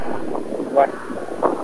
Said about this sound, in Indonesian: Kayaknya kencang anginnya di sana.